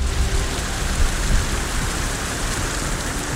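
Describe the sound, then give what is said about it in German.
Steady rain falls in Hamm with a dense, continuous patter and hiss, even in loudness, with a few low rumbles underneath and no voices. “Heute regnet es immer wieder.”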